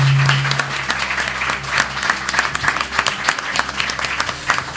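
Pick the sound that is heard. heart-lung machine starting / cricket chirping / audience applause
audience applause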